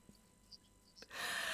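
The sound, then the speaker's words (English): A single sharp sneeze bursts out after a moment of near silence, a loud, breathy rush of air that cuts off the quiet. “bless you”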